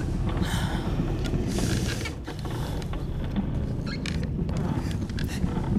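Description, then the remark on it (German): Deep, rumbling breaths from a large beast directly behind a door, muffled, rising and falling in slow, heavy cycles with a raspy, snorting texture and no voices. “Direkt vor der Tür. Ich höre es atmen.”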